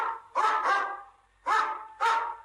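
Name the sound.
dog barking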